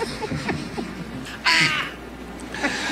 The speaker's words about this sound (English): His ringtone is himself? No, it's the quack. Oh, I thought that was him. It's an autistic duck.